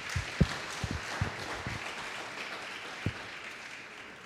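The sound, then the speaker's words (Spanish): An audience applauds for the Lord, a steady soft patter of many hands with a few sharper, louder claps standing out early on, fading into a dense wash without any talking. “Dile un fuerte aplauso al Señor.”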